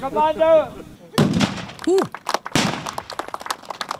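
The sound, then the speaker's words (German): Two loud cannon blasts from a cannon salute at the Königspfalz in Tilleda, Germany, boom out about a second apart, each followed by rumbling, crackling decay. A brief voice is heard just before the first shot. “Gut, 50 Kanonen haben am Wochenende für die entsprechende Lautstärke auf der Königspfalz in Tille da gesorgt.”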